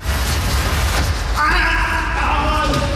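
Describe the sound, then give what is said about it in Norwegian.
A person lets out a long, strained scream partway through, sustained and piercing over heavy rumbling background noise. No talking. “Det skriket der var jo helt forferdelig.”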